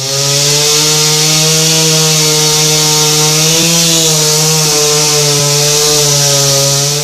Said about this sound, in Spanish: En coordinación con Protección Civil Municipal, realizaron la mitigación de riesgos correspondientes. Con ayuda de motosierras, retiraron el enorme ejemplar que bloqueó la vialidad por más de 3 horas.